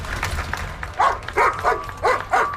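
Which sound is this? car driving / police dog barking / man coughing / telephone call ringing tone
police dog barking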